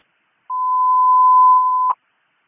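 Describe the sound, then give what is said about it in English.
A single steady electronic alert tone from a dispatch radio holds one pitch for about a second and a half, loud and clean, then cuts off with a brief click. No one speaks. “Can you get the notification?”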